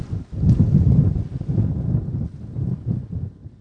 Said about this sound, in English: Oh man, big wind.